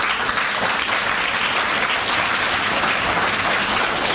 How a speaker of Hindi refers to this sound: उनके लिए ताली नहीं बजाएंगे।